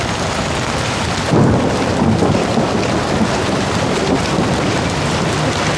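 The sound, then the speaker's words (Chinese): Heavy rain pours down steadily in a dense, continuous hiss, with a low rumble swelling briefly in the background; no one speaks. “今天下这么大雨，猫咪是不是都躲起来不出来”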